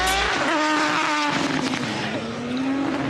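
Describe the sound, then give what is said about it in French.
High-revving racing motorcycle engines scream past at full speed on the hill climb course at Goodwood, watched by a large crowd, a loud, continuous whine with shifting pitch and no speech over it. “Et regardez le monde qu'il y a, qui s'est amassé pour admirer tous les bolides qui passent à fond. Là, les motos.”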